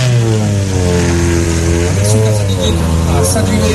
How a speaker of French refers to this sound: Encore un petit coup de bruit de voiture.